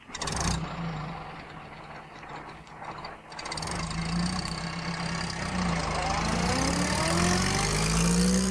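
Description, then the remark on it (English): A bus engine rumbles steadily at idle, then revs and pulls away as the bus moves off, its whining pitch climbing through the last few seconds. Loud, with no other sounds on top. “At last, Miss Hubbard sat down and they were able to move off.”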